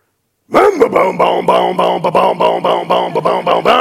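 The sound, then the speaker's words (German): A voice performs a vocal imitation of a two-stroke chainsaw starting up: a sputter, then a steady, buzzing engine drone pulsing in quick rhythmic bursts, loud and sustained for several seconds. “Achtung, mir startet die Zweitakter-Kettensäge.”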